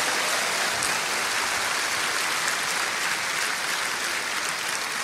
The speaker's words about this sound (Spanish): Amén. Aleluya. Alabado sea el nombre de Cristo. Dale un aplauso bien grande. Él merece la gloria.